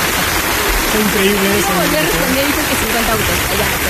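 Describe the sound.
Steady, dense applause fills all four seconds, a loud hiss of many hands clapping at once, while a voice talks over the middle of it.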